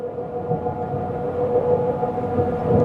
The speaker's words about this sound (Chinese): 飞机已连接。可以看到我和螺旋桨转速是越来越快